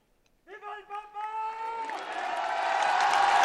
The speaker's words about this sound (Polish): Te oklaski, te łzy wzruszenia, które widzieliśmy w oczach podopiecznych tego domu, ale także tych pielgrzymów, którzy przybyli tutaj specjalnie z okazji papieskiej wizyty, mówią chyba więcej niż wszystkie słowa